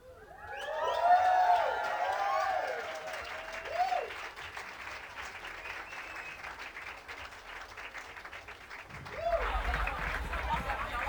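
Steady applause from a crowd at the Boho stage of the B-Sides Festival, a dense clatter of clapping that swells at the start and again near the end, with high whistles and cheers rising above it.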